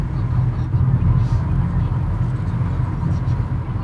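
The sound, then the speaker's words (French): A car drives along a road toward the Lac de Roseland. Its engine and tire noise form a steady, loud, low rumble that continues unbroken from start to finish. “On suit la voiture de Cédric aussi qui nous emmène vers ce lac.”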